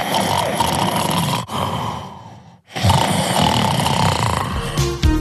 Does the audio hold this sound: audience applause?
no